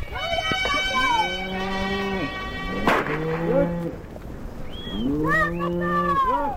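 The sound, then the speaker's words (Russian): Cows in a grazing herd moo in long, drawn-out calls, several overlapping one another, loud, with a brief pause in the middle before another round of lowing, as a shepherd calls the herd together. “А вон и стадо пасется, видишь? Да. А слышь, пастух коров созывает.”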